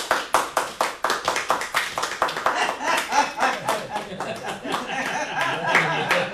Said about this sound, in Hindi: उसके कनसुरे गायन पर बाल वृद्ध नर नारी हंसते हुए तालियां बजा रहे थे।